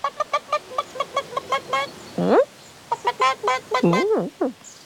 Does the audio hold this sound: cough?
no